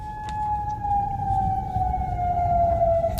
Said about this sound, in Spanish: Alarmas antiaéreas.